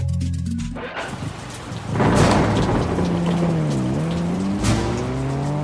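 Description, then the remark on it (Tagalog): Heavy rain pours in a steady, dense hiss while thunder rumbles and swells loudly, joined by a low droning tone like a passing vehicle; no one speaks. “Tuwing tag-ulan, mas maraming mga aksidente sa daan ang nagaganap.”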